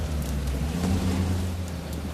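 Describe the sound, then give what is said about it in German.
A car engine drones low and strained, climbing a slope in fog, with a steady hiss of rain over it throughout. No one speaks. “Hören Sie den Wagen?”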